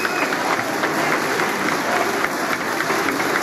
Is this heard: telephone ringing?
no